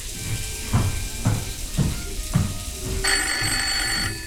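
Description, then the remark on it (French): Over a steady hissing background and a few rhythmic thuds, a telephone bell suddenly rings out loudly, a continuous metallic trill lasting about a second: Al Capone's telephone ringing in Chicago as he runs himself a bath. “Soudain, le téléphone sonne.”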